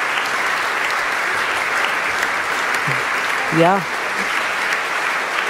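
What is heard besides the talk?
audience applause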